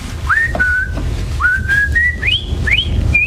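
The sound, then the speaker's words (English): A person whistles a short, bright melody of sustained, gliding notes that rise in pitch across several phrases, clear, over a low steady background rumble with no talking. “But the truth is I only have one real skill, and that skill is whistling.”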